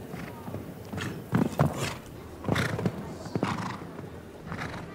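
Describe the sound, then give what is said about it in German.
Irregular, heavy hoofbeats from a horse during show jumping, taking off somewhat too close at two vertical fences, with several louder thuds clustered together and a breathy snort or two amid background noise. “Hier mag das Pferd aus der Perspektive ein bisschen schwieriger zu analysieren, etwas zu dicht im Absprung an den beiden Steilsprüngen gewesen zu sein.”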